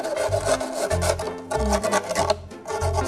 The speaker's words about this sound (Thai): นั่นก็คือเราจะเอากระดาษทรายค่ะเราจะใช้กระดาษทรายเนี่ยมาลบคมของพลาสติกที่เราตัดไปเมื่อกี้นะคะ